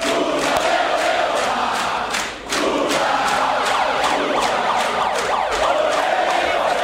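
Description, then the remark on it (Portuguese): A large crowd of Workers' Party (PT) supporters shouts and cheers as Lula takes the stage at 8:20 pm with a megaphone after the first-round election count, a dense, loud roar with sharp percussive bursts and rising wails; one brief dip midway before the noise swells again. “Lula subiu ao palco às 8h20 da noite, com um megafone na mão e sob grito de petistas.”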